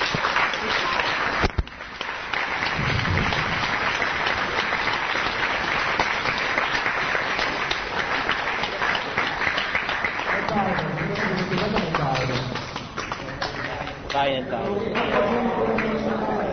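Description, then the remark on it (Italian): A crowd applauds steadily and loudly at the end of a meeting, a dense wash of clapping that keeps going for the whole stretch, with voices calling out over it toward the end. “se troverai che l'eventuale applauso finale venisse indirizzato a loro.”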